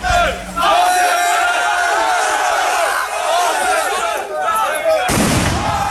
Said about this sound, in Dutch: Bij het gemeentehuis in Rhenen, waar werd gesproken over de opvang van asielzoekers, was het gisteravond onrustig. Er zijn ruiten vernield door vuurwerk.